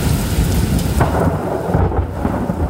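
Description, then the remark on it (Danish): A loud, rumbling thunderclap rolls through a heavy storm, with a sharp crack near the middle and steady rain hissing underneath throughout. “Fra sjask i hav til tordenbrag.”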